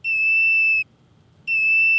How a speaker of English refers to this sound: That's the old whistling woodchucks.